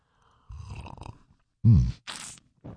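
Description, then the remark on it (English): Someone slurps coffee at a microphone on a Friday morning: a low hum, then a loud gulping burst and a sharp hissing slurp, ending with a brief smaller sip sound. “It's the Friday morning slurp.”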